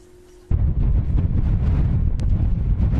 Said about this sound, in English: Suddenly, the winds have picked up.